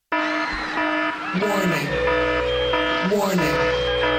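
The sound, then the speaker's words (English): A loud, blaring warning alarm sound effect sounds continuously, its harsh tone swooping in a repeating warble about every one and a half seconds, alone with no talking over it. “And so we had that alarm there ready to go just in case we started to tinker into anti-Semitic territory.”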